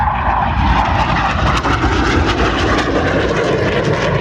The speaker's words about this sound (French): les avions de chasse. Franchement, je ne suis pas aviateur, mais je trouve ça fascinant. Ce que l'être humain est capable de faire pour vaincre la gravité avec des avions en métal, c'est incroyable.